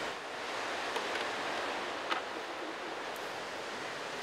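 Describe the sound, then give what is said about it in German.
Sea waves at the shore: a steady, broad wash of surf rolls on without pause, with a couple of faint brief clicks mixed in; no one speaks. “Ja, und nun gibt's Frühstück mit einem wunderbaren Blick aufs Meer.”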